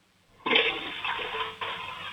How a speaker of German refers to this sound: Und ich weiß auch ganz genau, du willst mir deine Klospülung zeigen, oder? Ja. Lauf los, ich bin schon sehr gespannt, ob du eine coole Klospülung hast. So eine richtig laute.